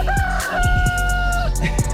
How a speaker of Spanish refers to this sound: Ese gallo se despierta con todo, hombre. Malaya despertarse uno así.